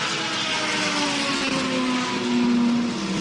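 A loud, continuous engine roar with rising harmonic tones as a race car's engine fires up after refuelling in the pits and the car accelerates away, sustained throughout with no talking.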